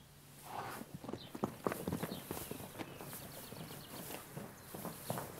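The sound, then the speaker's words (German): Irregular hoofbeats of three-year-old Knabstrupper young stallions kept together in a herd, a scattered series of dull thuds and clops at moderate loudness, with faint bird calls and outdoor background noise and no talking. “Ein paar Kilometer entfernt hält er Junghengste, um die er sich kümmern muss.”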